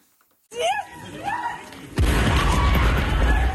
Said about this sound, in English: Passengers run away from an explosion that destroyed a train in the far west of Ukraine.